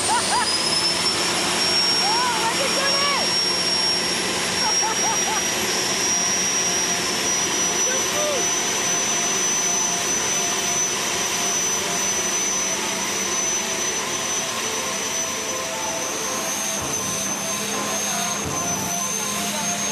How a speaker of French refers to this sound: Oh le bruit, vous imaginez même pas le bruit que ça fait à l'intérieur de la voiture. Oh là là.